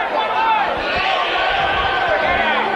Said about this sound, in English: And that one missed a little bit off the outside edge, around the letters. The crowd barking at the plate umpires. It goes to 2-2.